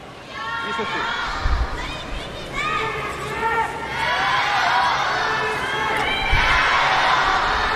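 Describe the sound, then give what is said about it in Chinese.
A large indoor crowd of live spectators in Ningbo cheers and shouts continuously for home player Shi Yuqi, voices rising in waves over a steady roar of applause-like noise, with a couple of deep thumps, loud throughout. “今天呢，宁波的现场观众呢，一定是会把所有的这个掌声啊，所有的鼓励声呢，都给到东道主选手石宇奇。”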